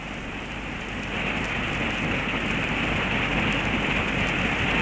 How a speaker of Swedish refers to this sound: Fyrisån är stor och mäktig i år. Den väller fram nästan med en flodstyrka. Och bruset av det vita fallet blir nästan öronbedövande ibland.